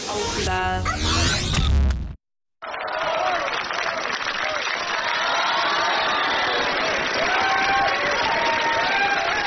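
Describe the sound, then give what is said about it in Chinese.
After a brief tonal snippet and a moment of silence, an audience at the first crosstalk and sketch comedy contest, broadcast on Binhai Arts Radio FM 101.7, breaks into loud, sustained applause mixed with cheering and whistles, continuing steadily for about seven seconds. “感谢大家热烈的掌声啊！”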